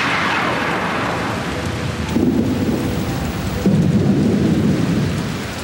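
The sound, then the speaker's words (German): Steady rain hisses throughout while deep rumbles of thunder roll in, swelling louder around the middle and again near the end of a fierce thunderstorm with lightning on a mountain; no voices. “Es fängt schon an zu blitzen. Jetzt wird's gefährlich.”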